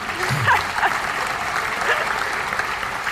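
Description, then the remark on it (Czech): An audience applauds with dense, steady clapping that fills the whole moment at an even loudness, a bright crackling wash of many hands with a few scattered voices mixed in. “A zatleskali takové sebe kritice.”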